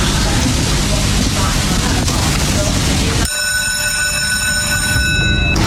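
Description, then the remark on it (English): A mechanical greyhound hare lure runs along its rail at the start of race 7 at Dunstall Park: a loud, continuous rumbling rush, then an abrupt shift to a steady, high-pitched electric whine with a metallic ring. “So the hare is on the move for race 7 at Dunstall Park.”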